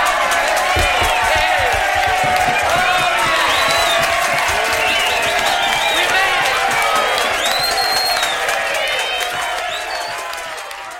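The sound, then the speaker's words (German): A crowd bursts into sustained applause and cheering, with dense clapping, whoops and shouting voices that stay loud throughout before easing off slightly at the end. “Applaus.”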